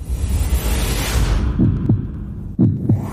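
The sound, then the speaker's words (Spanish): A rushing whoosh fades out into a loud heartbeat sound effect on the radio station Love FM 101.5: two double thumps, low and muffled, one after the other. “Son los latidos de tu corazón.”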